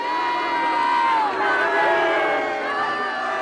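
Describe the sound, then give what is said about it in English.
A large protest crowd at Monash University in Melbourne shouting and jeering together during a visit by the prince, with supporters of republicanism and other causes out-shouting the prince's supporters; a dense, continuous roar of many voices that stays loud throughout, with overlapping cries rising and falling. “The prince's supporters were out-bannered and out-shouted by supporters of republicanism and other causes.”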